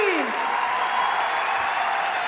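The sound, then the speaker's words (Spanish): A dense, steady wash of audience applause fills the whole moment, loud and continuous, with a brief falling whistle-like tone at the start and no clear voices above it. “fuerte ese aplauso”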